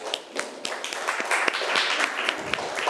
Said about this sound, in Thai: ขอเสียงปรบมือให้ตัวแทนจากกลุ่มที่5หน่อยค่ะ